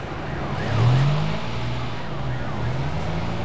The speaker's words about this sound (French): Les voitures démarrent. Les motos se faufilent. Les camions font rugir leurs moteurs. Mais quel bruit! Mais quel vacarme! Quel tohu-bohu!